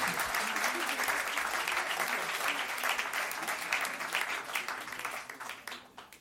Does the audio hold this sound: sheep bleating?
no